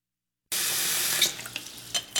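A faucet suddenly turns on and runs hot water into a sink while a man shaves, a steady hiss of water that tapers off with a few splashy bursts near the end.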